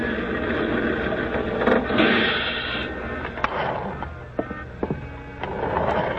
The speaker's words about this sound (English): Ah, here comes my bus.